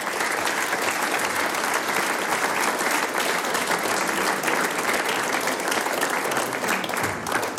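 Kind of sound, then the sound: crowd, audience applause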